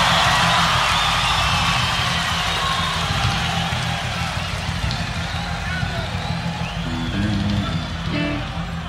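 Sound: audience applause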